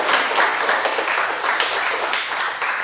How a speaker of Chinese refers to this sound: 掌声送给他。